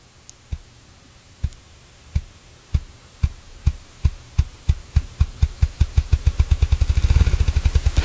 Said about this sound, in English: So if you heard that, it sounds kind of like a ping pong ball going faster and faster and faster and faster, and that's how they do it. They beat their wings faster, faster, faster.